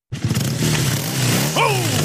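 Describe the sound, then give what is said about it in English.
A recently repaired motorcycle engine rumbles loudly, holding a steady throaty idle before a quick rev sends the pitch sweeping upward near the end. “Sounds like another beauty's been given the repair it needs thanks to the crew at Mackay Motorcycles.”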